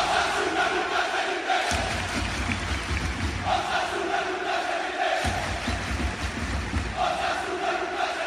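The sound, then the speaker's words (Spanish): A large crowd of Osasuna football fans chants a rhythmic battle cry in unison at El Sadar during an open-doors training session, seeing off their team, loud voices rising and falling in repeated phrases with heavy low thumps every couple of seconds. “El grito de guerra en el Sadar,”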